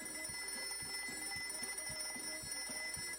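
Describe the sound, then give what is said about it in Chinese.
A mechanical alarm clock rings on and on in the morning while a boy stays in bed, its bell clattering in a fast, steady rhythm with a bright metallic shimmer. No voices, just the continuous ringing. “那天早上，闹钟响了好久，可他还是赖在床上不肯起来。”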